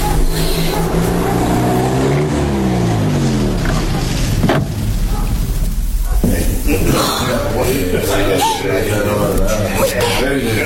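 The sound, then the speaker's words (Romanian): Car engines rumble loudly in front of a prison, their pitch sliding as the vehicles pull up and slow to a stop, with a steady idling drone and faint voices continuing afterward. “Uite, mașinile s-au oprit chiar în fața închisorii.”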